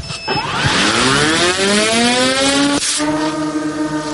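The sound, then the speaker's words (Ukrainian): A Bebra military drone, fitted with a camera and carrying a 7 kg dummy munition, launches from a catapult, its small engine buzzing loudly, its pitch climbing steadily, dipping briefly, then holding a high, steady whine. No one speaks. “Далі старт з катапульти.”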